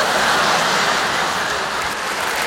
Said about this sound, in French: Top, record battu, je vais pour sortir, je tire la chasse d'eau et là... La cacatastrophe.